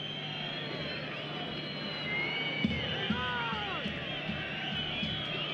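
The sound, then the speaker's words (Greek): A dense football stadium crowd at a match involving Gimnasia Mendoza roars steadily, with shrill whistles gliding up and down above the din and scattered shouts breaking through, a sustained wash of noise with no pauses. “Σφυρίγματα ακούμε, φωνές.”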